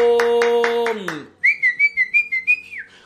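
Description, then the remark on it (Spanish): A loud, buzzing tone with rhythmic pulses fades out, then a high whistle sounds in about seven quick, regular bursts at a steady pitch. No clear clapping can be made out. On a morning radio broadcast, loud applause is called for because the first offering has come in. “Así que vamos a empezar con un fuerte aplauso, porque ya tenemos la primera ofrenda, bravo.”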